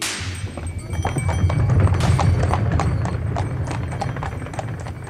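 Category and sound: animal, horse hooves clip-clopping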